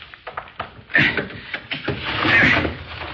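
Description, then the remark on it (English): A window being pried open with a little piece of steel: a few short knocks and clicks, then a strained creaking scrape and a longer grinding rasp as the frame gives way. “The shade's down, so we can't see inside, but I've got a little piece of steel that'll get us inside. Stand back while I do a little prying.”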